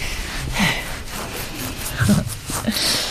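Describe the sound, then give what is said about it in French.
A pig snores and grunts softly while having its belly rubbed, a few low, rumbling snorts spaced irregularly over a breathy background with no talking. “Et ça ronfle et ça confirme, ouais, ok.”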